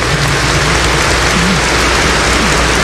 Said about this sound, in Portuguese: Saudando a palavra de Deus com uma salva de palmas.